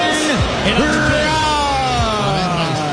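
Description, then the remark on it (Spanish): A large stadium crowd roars with sustained, loud booing and scattered yells aimed at baseball player Ben Rice as he is introduced and walks out from the third-base side. A dense wall of overlapping voices with rising and falling pitches continues steadily for the whole stretch. “primero el abucheo para Ben Rice.”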